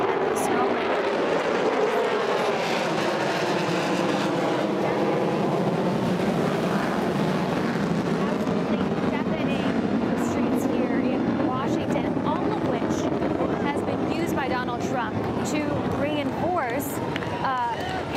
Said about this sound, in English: just astounding maneuvers by the U.S. Air Force overtaking Washington skies, including the B-2 stealth bomber that was used, or the type of plane that was used in the attacks on Iran's nuclear sites. In fact, I'm hearing yet another military flyover.